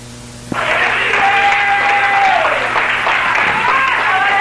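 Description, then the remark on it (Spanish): A sudden burst of audience applause starts after a brief pause and continues loud and steady, a dense wash of many hands clapping with a faint tonal sweep running through it. “Vamos aquí a la Amazenda, denle un aplauso.”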